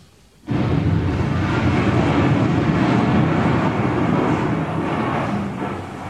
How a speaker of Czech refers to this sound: Naštěstí má doktor Hedvábný neustále po ruce svůj oblíbený magnetofon Sonet Duo. A díky tomu máme na věčné časy zachován zvukový snímek onoho historického liptákovského výbuchu.